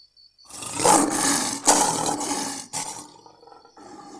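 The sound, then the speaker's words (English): A lion lets out one loud roar that swells for a couple of seconds, then trails off into softer rumbling grunts. No one speaks. “Singa. Singa. Lion. Lion. Asadun. Asadun.”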